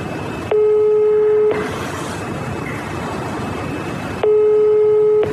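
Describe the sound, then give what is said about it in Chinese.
A phone call to a son rings out unanswered: two long, steady ringback tones about four seconds apart, loud and mid-pitched, over a constant hiss of background noise. “您拨打的号码暂时无人接听。”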